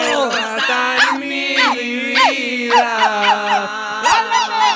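A dog barks over and over in quick, high-pitched yelps, about ten sharp barks at an uneven pace, loud, with no talking.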